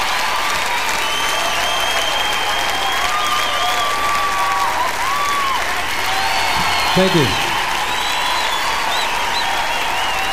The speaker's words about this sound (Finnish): Olipas räjähtävät aplodit.